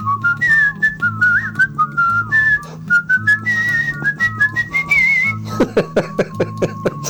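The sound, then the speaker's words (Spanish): A person whistles a lively, bouncy folk melody, the bright tone hopping between notes over a steady rhythmic accompaniment with sharp percussive beats throughout. “Me puse a chiflar la delita y a lo mejor pues sí, se oye más movida.”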